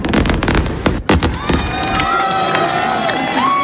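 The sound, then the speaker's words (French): A fireworks show's grand finale: a rapid barrage of loud bangs gives way to dense, continuous crackling of golden fireworks with whistling tones rising over it, while a crowd murmurs and cheers in the background. “Moi j'aime bien les feux d'artifice dorés qui crépitent un peu.”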